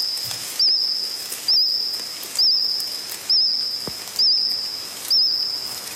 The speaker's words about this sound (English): That's the first one we created. Sounds more like a cricket, probably singing